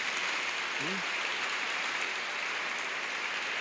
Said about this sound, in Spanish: Estamos en un año de jubileo, dele un aplauso a Jesucristo por eso.